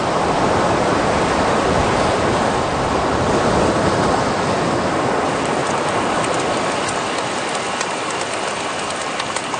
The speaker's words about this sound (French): Oh! Ben, j'entends le bruit de la mer, ….